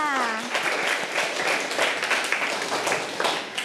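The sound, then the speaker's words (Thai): Children clap for themselves together in a steady burst of applause that fills the whole clip, dense, after a brief voice at the very start. “เอาละค่ะเด็กๆปรบมือให้กับตัวเองค่ะ”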